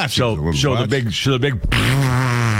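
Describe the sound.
A voice imitates a loud, buzzing elephant fart, with wobbling, rising and falling blasts that end in one long, steady, droning blow, all prominent.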